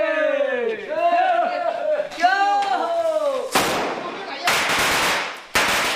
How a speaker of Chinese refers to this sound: 鞭炮与呼号声划破了夜空，房子的第一道排扇立起来了。